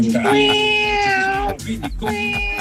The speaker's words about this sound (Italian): Vabbè, hai parlato di gatti e vengono fuori lui i gatti.